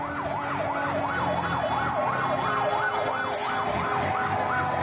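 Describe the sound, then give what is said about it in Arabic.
Emergency vehicle sirens of civil defense vehicles and ambulances arriving in the Hijaz area near the Palace of Justice in Damascus wail in a fast, steady rise-and-fall pattern, loud, sounding continuously over a low rumble of street traffic with no voices. “لسيارات الدفاع المدني وسيارات الإسعاف تصل إلى منطقة الحجاز بالقرب من القصر العدلي في دمشق”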